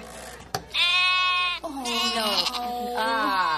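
A sheep bleats loudly several times in a row, each call a long, wavering, nasal baa, the middle one lower and sliding in pitch, with a brief knock just before the first.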